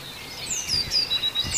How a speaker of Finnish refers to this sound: Tämä oli tiainen pihan puolella. Se tulee sieltä metsämikistä, joo.